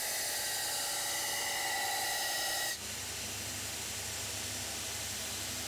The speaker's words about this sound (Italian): A questo punto viene sgrossata la lama per essere portata a filo.